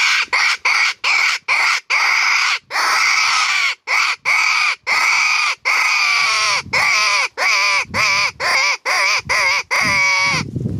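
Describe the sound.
A blown hunting call imitating a caught rabbit or hare, made by varying the breath pressure: a rapid series of about twenty loud, harsh, squealing cries, each short and strident, with the pitch wobbling more toward the end. No voices.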